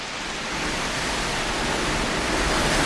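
A steady, dense roar of storm wind at night, heard from inside a house, broad and hissing, swelling slightly louder over a few seconds with no breaks or voices.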